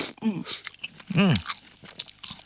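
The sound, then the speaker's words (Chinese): Chewing of crunchy canned small yellow croaker, whole fish with heads and guts removed and crisp, crunchy bones, with a string of short, crisp crunches and bites, broken by a couple of brief voiced murmurs from the person eating. “其实你嚼到嘴里面的话，你都可以感觉我们的鱼骨头的话都是酥酥脆的。”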